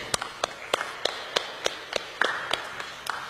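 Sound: audience applauding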